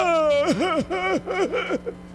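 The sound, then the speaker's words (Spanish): A single voice attempts a Mexican grito on 16 September: a held note breaks into four or five wavering, up-and-down cries that sound more like whimpering sobs than a triumphant yell, fairly loud. “¿Será que a mí me salga el grito”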